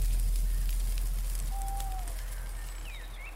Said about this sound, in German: Gegen Abend mussten sie rasten. Die Wärme des Lagerfeuers war wohltuend und so schlief er rasch ein.